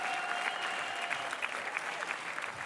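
An audience at the Sommerspaß show applauds a performing band steadily, a dense wash of many hands clapping at an even level throughout, with a faint sustained tone running underneath.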